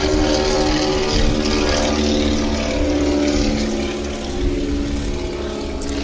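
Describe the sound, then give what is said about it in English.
A tri-motor propeller airplane drones loudly overhead, its engines producing a steady, rumbling hum with layered tones that holds for several seconds, easing slightly before swelling again. No one speaks. “We'll let the tri-motor pass here.”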